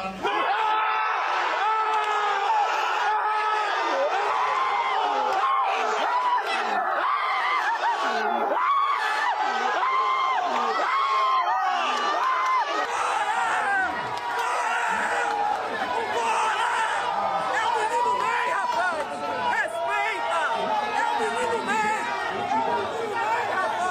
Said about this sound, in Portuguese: Depois que o italiano disse o nome do Neymar, a reação da torcida foi imediata e emocionante.